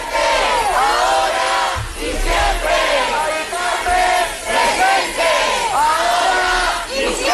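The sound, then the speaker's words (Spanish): A large protest crowd marching toward the Congreso de los Diputados chants slogans in unison, including "Carmen presente, ahora y siempre", many voices rising and falling in a steady, repeating rhythm, loud and continuous throughout with a dense background roar. “Carmen presente, ahora y siempre, con ese grito, con esa reivindicación, entre otras, marchaban hacia el Congreso.”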